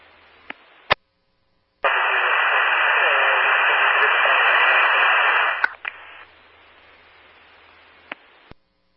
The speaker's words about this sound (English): Your traffic is all static unreadable.